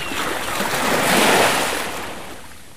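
Ocean waves of the North Sea wash onto the shore in a broad hiss of surf that swells to a peak midway and then slowly recedes, fairly loud with no voices.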